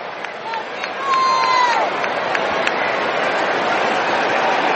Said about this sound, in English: Great crowd here for the preseason finale, Battle of LA. A preview of the Week 8 regular season matchup between these two teams.